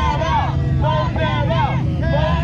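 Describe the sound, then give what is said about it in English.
A dense murmur of many voices from a crowd outside the county building in Effingham County, Georgia, protesting a proposed OpenAI data center; steady and continuous, with overlapping speech blending into a loud hubbub over a low rumble. “A crowd outside.”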